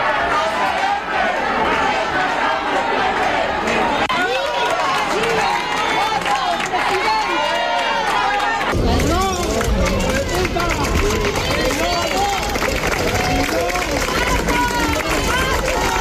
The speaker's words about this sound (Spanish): Na acollida a Pedro Sánchez, unha de cal e outra de area, tanto aplausos e aclamacións como a insultos ou berros, lembrándolle a situación que se está a vivir en Ceuta.